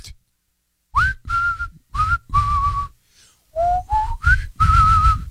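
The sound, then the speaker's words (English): A person whistles to a pigeon in short, breathy notes: a run of four, a brief pause, then five more, some rising slightly in pitch, with no talking. “Whereas men are amused by a bird like a pigeon, and they just kind of, they whistle to it.”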